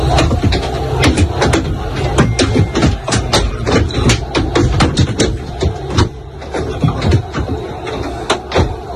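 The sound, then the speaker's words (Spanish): From inside the Real Madrid team bus arriving at the Camp Nou, objects thrown at the bus strike it in a rapid, irregular barrage of sharp bangs and thuds, loud and almost constant, over a low engine rumble and muffled crowd noise. “Bueno, son 8 segundos nada más, los ha facilitado el club para que vean cómo suena de dentro todo lo que le va cayendo al autobús.”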